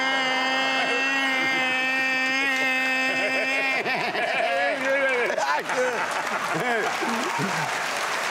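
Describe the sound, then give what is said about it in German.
A voice imitates a bagpipe, mimicking the cry of a man whose finger was caught in a desk drawer, holding a loud, steady, nasal drone for about four seconds before breaking into wavering, warbling pitch slides like a chanter tune. “Der hat original da wie ein Dudelsack.”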